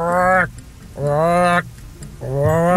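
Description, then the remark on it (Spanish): A voice imitates frogs croaking all night in the rainy season: three drawn-out, buzzy, mid-pitched croaks, each about half a second long, repeated at a steady rhythm with short pauses between them. “Las ranas, güey. Toda la noche.”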